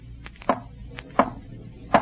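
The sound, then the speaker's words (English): Three sharp, hollow knocks sound alone at a slow, even pace, each a crisp rap about three-quarters of a second apart, over a faint low background hum. “If you can, rap. Rap 3 times.”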